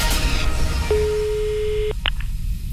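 A single steady electronic telephone ringing tone sounds for about a second over a low background hum, followed by a couple of brief clicks as the line picks up; a prank call on the Neckaralb live radio show, answered by a district office (Landratsamt).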